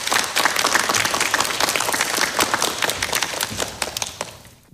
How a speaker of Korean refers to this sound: 첫 순서로 권오남 한국과학기술단체 총연합회장님께서 코드 속의 편향, 프레임 속의 차별이라는 주제로 기조 발표를 해 주실 텐데요. 박수로 맞아주시기 바랍니다.